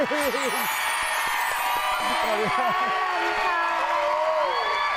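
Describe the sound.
A crowd cheers and applauds steadily for five seconds, with rising whoops and high shouts from several voices over a dense wash of clapping.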